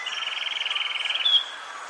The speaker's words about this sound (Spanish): El trino del cucarachero sepia forma parte del Banco de Sonidos de Aves Colombianas, recopilado por el Instituto von Humboldt y la Universidad de Cornell.